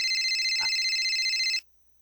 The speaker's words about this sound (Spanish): ¿Está sonando un teléfono? ¿Qué, no les dijiste que pararan los celulares? Está sonando.